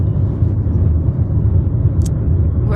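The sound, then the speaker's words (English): A steady, loud low rumble of road and engine noise fills the inside of a moving car, unbroken throughout, with a brief faint click near the end. “We might be the first podcast from a car on the interwebs.”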